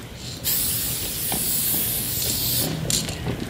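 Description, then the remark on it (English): Aerosol spray paint hisses in long, steady bursts as a graffiti writer in Wellington paints a throw-up, a simple outline of letters, with a brief pause before the spraying resumes and the can keeps hissing. “This is a throw-up. It's pretty much a really simple outline of my letters.”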